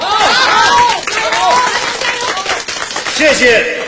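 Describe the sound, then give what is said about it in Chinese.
A crowd at a charity event applauds steadily for several seconds to honor volunteers and the ill people they care for, dense clapping with scattered voices calling out over it. “让我们对志愿者们的无私奉献表示敬佩，为被关爱者们的勇敢坚强鼓掌加油。”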